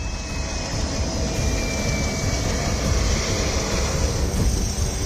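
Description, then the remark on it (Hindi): A loud, steady roar of helicopter engines and rotors at Nuwakot airbase in Nepal, with helicopters landing and taking off in quick succession during disaster relief and rescue operations. It is a dense rumbling wash with a faint high whine running through it and no voices. “नेपाल में आपदा ग्रस्त इलाकों की हालत कैसी है इसको ऐसे समझिए कि नुआकोट एयरबेस पर एक हेलीकॉप्टर ठीक से लैंड भी नहीं कर पाता कि दूसरा टेक ऑफ कर जाता है।”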